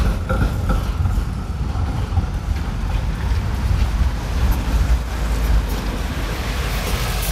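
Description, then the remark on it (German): A bus turns in and drives past at Franz-Jonas-Platz, a busy square served by trams and buses, with a deep, steady engine rumble and broad roaring noise that stays loud throughout, no one speaking over it. “So, jetzt lassen wir den Bus da vorbeifahren. Da kommt einer eingebogen.”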